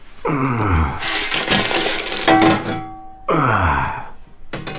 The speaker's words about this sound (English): I'll drop this shovel of coal if you don't hurry up and move. Ah, well, I hope you got the dry stuff from the back of the shed.